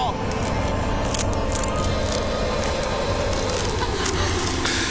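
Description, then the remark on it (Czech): An egg's shell is crushed by hand with a steady, dense crunching and cracking, sharp crackles scattered through it, while voices talk over the noise. “už praská!”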